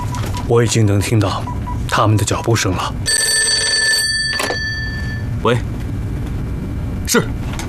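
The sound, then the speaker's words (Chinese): A telephone rings once, a bright, steady electronic tone lasting about a second, fairly loud. People talk just before and after it. “电话追到这儿来了。”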